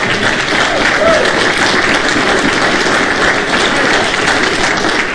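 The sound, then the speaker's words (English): A church audience claps steadily during a service, a dense, even wash of many hands that holds at a constant loud level without breaks for the full five seconds. “You clap, but you better be here when we have that.”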